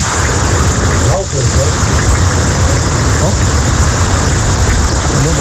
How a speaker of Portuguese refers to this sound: Ninguém tá falando no áudio, é só o barulho, da chuva. Né? Eu tô da dúvida se é da chuva ou do rio, né?